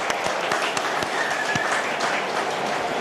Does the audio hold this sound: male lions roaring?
no